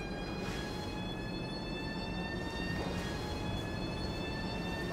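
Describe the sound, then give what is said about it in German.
A steady, loud rumble of a train from Innsbruck moving along the tracks at Hamburg-Dammtor after about 12 hours en route, with a constant whining hum layered over the roar and no pauses or voices. “Ja, also ich würde mal sagen, 10 Minuten ist nichts, was wehtut bei der Strecke, die der Zug zurückgelegt hat.”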